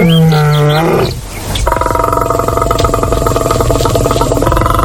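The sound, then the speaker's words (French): A lion roars loudly, a deep harmonic bellow that breaks off, then turns into a sustained, rough rumbling growl for several seconds. No voices. “Le lion est le deuxième plus grand félidé après le tigre et ainsi le plus grand carnivore d'Afrique.”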